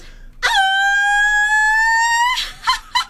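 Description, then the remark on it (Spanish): A person lets out a howl-like Mexican shout: a long, high, sustained howling cry lasting about two seconds, rising slightly in pitch, followed by two short breathy bursts, loud. “Me salió perro, ¿no? A ver, un guaquito.”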